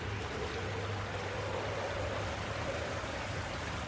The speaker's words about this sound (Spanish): De pronto, la calma se ve interrumpida por la lluvia. El agua se agitaba constantemente, golpeando el bote con las olas y un viento azotador los preocupa.